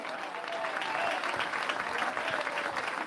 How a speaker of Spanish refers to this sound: ¿Cuántos alaban al Cristo de la gloria? Dele fuerte ese aplauso si es para él.